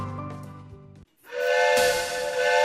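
A steam train whistle lets out one long, loud, shrill blast, joined by rushing steam hiss, after a brief low tonal sound and a short pause.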